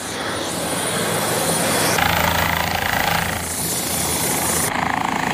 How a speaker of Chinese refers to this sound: 爸爸刚刚坐了直升机，呜，飞上天的直升机。